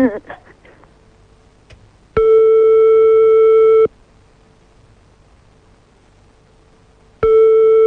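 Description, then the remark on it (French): A phone call to a mobile phone fails to connect: a loud, steady electronic tone sounds for under two seconds, falls silent, then starts again. Brief muffled talking is heard at the very start. “Bon, déjà ça ne marche pas, donc on va faire l'autre numéro de téléphone portable.”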